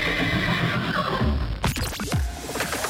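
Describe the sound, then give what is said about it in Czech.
A horse neighs loudly, a long shrill whinny with quavering pitch, followed by snorting and another shorter call over a steady background rumble. “A samozřejmě koně.”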